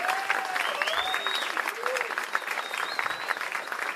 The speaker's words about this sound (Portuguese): Queria pedir uma salva de palmas especial para o nosso técnico de som, assim, que é um craque